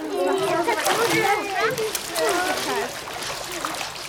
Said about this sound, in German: Und jetzt patscht mal alle ordentlich mit den Beinen im Wasser rum.